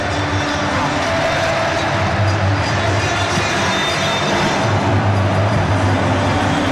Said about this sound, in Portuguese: Olha que festa! O barulho aqui no estádio é ensurdecedor. Torcida brasileira faz uma festa incrível.